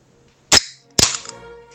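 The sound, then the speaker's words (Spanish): A beer can being opened: a sharp metallic crack, then a second pop followed by a brief fizzing hiss that fades quickly, with no voices. “Ah, dice, abrió una lata de cerveza.”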